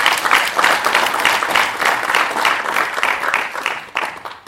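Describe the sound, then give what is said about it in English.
A crowd applauds steadily for several seconds, dense overlapping hand claps at a fairly loud, even level before tapering slightly at the end, clapping for IDS reaching 60 years. “Can we all clap for IDS having 60 years?”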